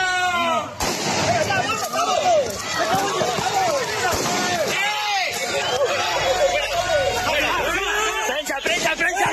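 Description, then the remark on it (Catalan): A loud, chaotic crowd during a police baton charge at a demonstration in Palma against mass tourism: overlapping shouts and yells, running footsteps and scattered sharp bangs, with the commotion sustained throughout. “Aquest era el moment d'una de les càrregues.”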